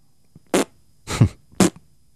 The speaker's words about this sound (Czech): ty prdíš jako papardele. Papardele!